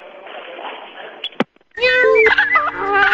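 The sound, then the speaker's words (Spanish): A loud, drawn-out cat meow with wavering, bending pitch, marking the Gato Preto jogo do bicho lottery draw results, rises after a stretch of hiss, a sharp click and a short silence. Steady sustained tones sound underneath it. “¡Miau! pone Tirol.”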